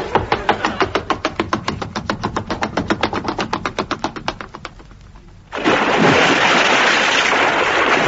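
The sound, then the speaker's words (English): A boat engine chugs in a steady, rapid rhythm for several seconds, fades, then a loud rush of crashing sea waves takes over and continues to the end. “I think I'll run away to sea.”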